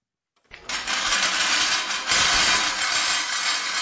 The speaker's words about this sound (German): Mit lautem Scheppern setzt sich das Kunstwerk in Bewegung. Für seine Schrottplastik Hongkong aus dem Jahr 1963 hat der Schweizer Künstler Jean Tinguely Autoräder, eine Pfanne und eine Bohrspitze mit Keilriemen verbunden